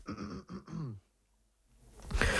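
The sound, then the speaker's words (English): A coughing fit: three quick, harsh throaty bursts in a row, a brief silence, then another rough, breathy burst of coughing. No one speaks. “Sorry about that, just had the occasional cough and fit, so I really hope it doesn't happen in the next 10 minutes or so when I'm talking.”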